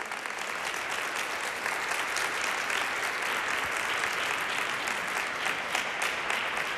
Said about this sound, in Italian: che vi presento e vi pregherei di accogliere con un applauso.